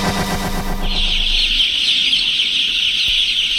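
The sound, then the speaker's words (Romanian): Hens cluck in a quick, rhythmic burst as chicks hatch from their eggs in an educational film. Then a dense, high-pitched chorus of chicks cheeping takes over and continues steadily to the end, with no talking. “Ați văzut, dragi copii, acel moment emoționant al ieșirii puilor din nou.”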